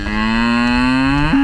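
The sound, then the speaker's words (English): A cow born in April 2023 moos loudly, one long sustained low call that rises slightly in pitch toward the end, with no talking. “I'm going to introduce you to my cow, Claire.”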